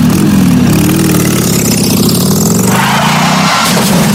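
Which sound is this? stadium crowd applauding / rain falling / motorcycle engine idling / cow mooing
motorcycle engine idling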